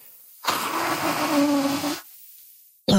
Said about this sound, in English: Sorry. I have to stop talking. I have to blow my nose because I can't hear you.